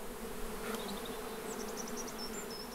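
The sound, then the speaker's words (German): Bees buzz steadily in an apple orchard in northern Germany, a continuous low drone filling the scene, with faint birdsong chirping in the background. “Bienen sind die großen Nutznießer der vielen Apfelplantagen in Norddeutschland.”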